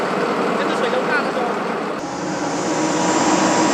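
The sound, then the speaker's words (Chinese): A speedboat engine roars steadily, a loud, continuous motor drone with rushing water noise beneath it, holding constant for a few seconds with only a slight dip midway. The speedboat carries a civilian rescue team from Hengzhou delivering relief supplies near Yunbiao. “快艇行驶非常迅速，但也最怕搁浅，只能寻找水深的地方前行。”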